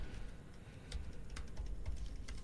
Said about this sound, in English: Hear that typing?